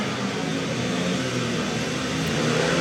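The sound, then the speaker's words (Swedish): Several speedway motorcycle engines rev together at the start tape of a heat in a Swedish league speedway match, a loud, continuous, buzzing roar with a rough, layered drone that swells slightly toward the end. No voices. “Så gasar vi upp.”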